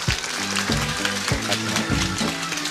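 Dense, steady applause from a TV show audience welcoming a guest, many hands clapping in a continuous crackle, with low repeating musical notes pulsing underneath at a regular beat.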